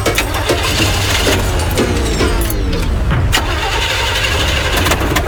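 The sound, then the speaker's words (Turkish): A car engine cranks over and over with a loud, rhythmic grinding whir, sputtering but never catching, sustained across the whole stretch without any voices. “Baba, araba çalışmıyor mu?”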